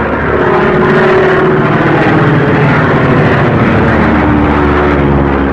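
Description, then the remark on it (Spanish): A light propeller plane's engine drones steadily and loudly in a storm as the plane is unable to climb any higher, a constant throbbing hum with no pauses and no voices. “comprendía que la avioneta no tenía capacidad para ascender más”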